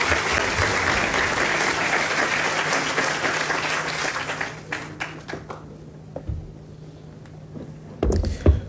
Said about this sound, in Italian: E allora vi chiedo il primo applauso per il presidente dell'ICE Matteo Zoppas, che chiamo sul palco per il suo intervento.